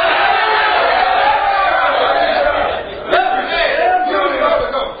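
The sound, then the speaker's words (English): An audience shouts and cheers in a loud, continuous roar of overlapping voices, with one high whoop rising above the crowd about two-thirds of the way through. “Hey, if you don't like shouting, you're not going to enjoy heaven.”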